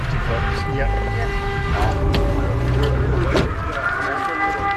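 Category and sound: signal or alarm, air raid siren wailing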